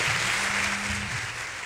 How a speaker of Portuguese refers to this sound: Palmas merece palmas mesmo. Merece palmas mesmo.